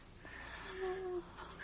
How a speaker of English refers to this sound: She's still breathing.